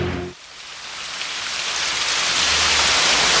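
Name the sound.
rain falling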